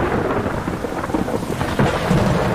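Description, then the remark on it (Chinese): A steady downpour of heavy rain with deep, low rumbles of thunder rolling underneath, loud and continuous throughout, with no voices. “暴风雨常常对白鹳构成威胁，因为它们的巢完全暴露在外。”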